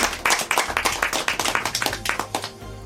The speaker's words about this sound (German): vor allen Dingen sind zu Gast Hörerinnen und Hörer von Bayern 2, die heute zum Tag der offenen Tür gekommen sind. Schön, dass Sie da sind. Sie dürfen sich selbst applaudieren.